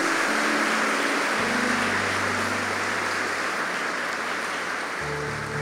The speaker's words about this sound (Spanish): Denle un aplauso a nuestro Salvador.